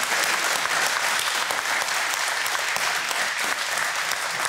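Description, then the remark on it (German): A sustained burst of audience applause, dense and steady clapping from many hands filling the whole stretch at a fairly loud, even level, with no voices standing out. “Da sagen wir doch mal Applaus für die Mutti.”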